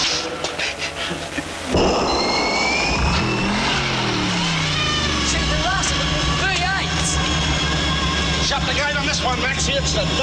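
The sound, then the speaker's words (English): After a brief quiet moment, a supercharged V8 car engine with a blower, making 600 horsepower through the wheels, roars to life and revs loudly, its pitch sweeping up and down in a deep, rumbling growl while voices talk over it. “She's Duck's nitro. Face four hit. Twin overhead tank. 600 horsepower through the wheel. With the blower.”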